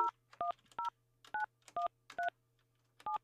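telephone dialing tones

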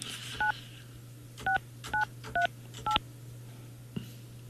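telephone number being dialed

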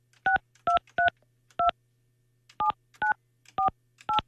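telephone keypad dialing tones

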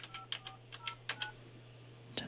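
telephone keypad dialing tones

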